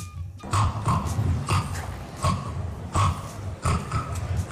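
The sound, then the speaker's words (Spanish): A person imitates a pig's snoring grunts: a steady run of about eight rough, low, snorting bursts, fairly loud, with short gaps between them and no talking. “Ronquidos.”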